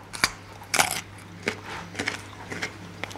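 Someone bites into a small raw organic carrot, a sharp crunch followed by several crisp chewing crunches at irregular intervals over a faint low hum, with no talking.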